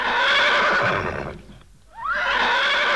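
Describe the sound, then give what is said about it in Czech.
A bay horse neighs loudly in two long, wavering whinnies separated by a brief pause, the second rising sharply in pitch before sustaining; no voices are heard. “Tak tiše, hnědko, postůj, neplaš se.”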